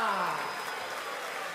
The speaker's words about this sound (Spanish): ¡Fuerte el aplauso aguante para Mino!